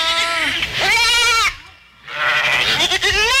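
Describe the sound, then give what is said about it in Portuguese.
A goat, a pet named Cacau, bleats loudly in two long, wavering calls separated by a brief pause, with no talking. “Qual é o seu nome, cabritinha?”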